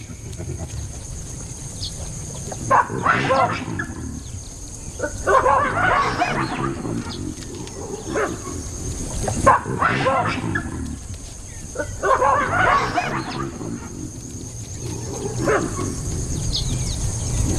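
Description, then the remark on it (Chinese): Baboons that have surrounded a pack of African wild dogs give harsh, barking provocative calls to test them, in several loud bursts that rise and fall over a steady background hiss, with brief lulls between the outbursts and no talking. “他们发出挑衅的叫声，试探非洲野犬。”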